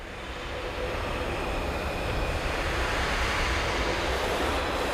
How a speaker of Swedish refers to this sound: Det är ju det att brasset här, de musikerna, man hör ju någonting som låter som blås här. Och det är faktiskt blåsarna som bara blåser genom sina instrument. De skapar liksom ingen ton, utan de blåser.